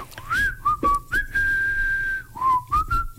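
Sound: person whistling a tune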